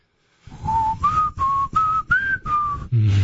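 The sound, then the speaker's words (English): Someone whistles a TV theme tune: a slow run of six clear, sustained notes that wander up and down in a mid-high register, with short breaths between them and no talking. “My dog loved it when I whistled that song.”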